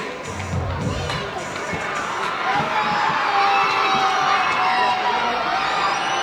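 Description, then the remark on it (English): A baseball crowd at a ballpark cheers steadily while their team is down 14-1, with runners on first and second: a loud, dense wash of many voices with scattered shouts and whoops rising above it, swelling slightly louder midway and staying energetic to the end. “Well, it's still an energetic crowd, even though their team is down 14-1.”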